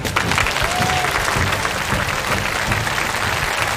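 Steady applause from an audience, a dense wash of many hands clapping at an even, sustained loudness for the whole stretch, with no voices standing out, given to a teacher who has just finished four paintings.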